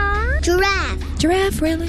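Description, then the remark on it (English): A young child's voice imitates a cat, making a few high, sliding meow sounds in quick succession, clear with a faint hum underneath. “Dog. Cat.”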